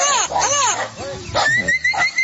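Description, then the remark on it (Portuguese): A turquoise-fronted amazon parrot (papagaio boiadeiro), played on a radio programme, calls loudly with a rapid run of harsh, rising and falling squawks, then a few shorter raspy notes with a thin whistled edge, no talking alongside. “Que Deus conceda forças para todos que vivem do campo e solta o som do papagaio boiadeiro.”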